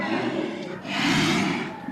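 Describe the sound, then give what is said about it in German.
People imitate bear calls for Alaska's Fat Bear Week, making a loud, sustained growling roar with a rough, breathy edge that swells midway and carries on for about two seconds without any words. “Ja, das sind Bärenrufe.”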